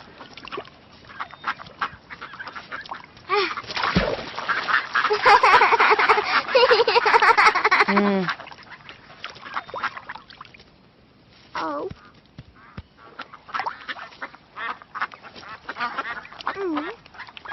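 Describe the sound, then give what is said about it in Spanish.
A cluster of ducks in a park, being fed, quacks loudly and rapidly for several seconds, the calls overlapping, then scattered single quacks and squawks follow more sparsely against quieter outdoor background noise. “Cuando íbamos para el zoológico, los abuelos se detuvieron en el parque para que Lola y yo alimentáramos a los patos.”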